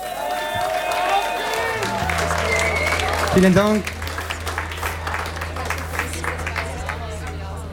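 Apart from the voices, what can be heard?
audience applause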